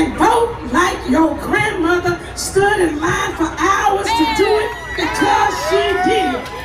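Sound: crowd cheering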